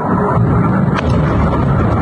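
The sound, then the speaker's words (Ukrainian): Ammunition detonating at a warehouse in Vyshneve hit by a Russian missile on the night of 6 July: a steady, loud low rumble rolls on throughout, broken by a single sharper crack about halfway through. Nobody speaks. “Вночі на 6 липня на складі, куди поцілили окупанти, починають вибухати боєприпаси.”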